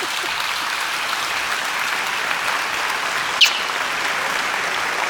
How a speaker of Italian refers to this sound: fate un applauso